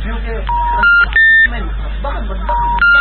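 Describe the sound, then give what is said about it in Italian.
A mobile phone's electronic ring tone, a call to Nirvana's mobile that goes unanswered, sounds in a repeating pattern of bright beeps, cycling twice, while a voice murmurs faintly underneath. “Nirvana non ha risposto al cellulare.”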